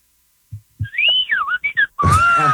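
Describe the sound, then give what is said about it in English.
Starlings calling: a run of clear, loud whistled notes that swoop up and down, with a few soft thumps underneath, ending in a longer, harsher squeaky whistle. No one talks. “The starlings are calling us now.”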